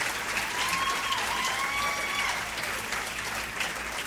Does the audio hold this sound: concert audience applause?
yes